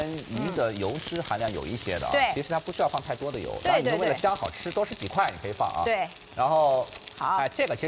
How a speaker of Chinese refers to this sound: 像我之前的话就喜欢这样子，芦笋先放水里面串一下，烫一下，然后放锅里面这样子一起煎，然后家里面小孩子啊，我跟你说啊，喜欢吃的，等我们这个鱼已经煎的差不多了。